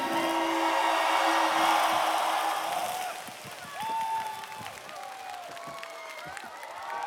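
A dense burst of audience applause and cheering fills the first few seconds over a sustained low tone, then thins out as a voice rises above the fading clapping.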